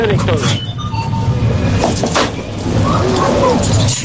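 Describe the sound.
A coin-operated vending machine for food and soft drinks dispensing, with clinking coins and mechanical clicks and rattles, heard beneath steady, overlapping talking voices throughout.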